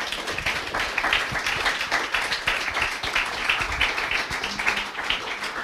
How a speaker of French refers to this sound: En tout cas, merci beaucoup pour votre attention. On peut applaudir, oui.